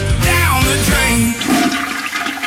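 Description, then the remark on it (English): A toilet flushes, a loud rushing swirl of water that gurgles and drains away over a couple of seconds, with no voices. “Ritz On Time Plumbing will flush your worries.”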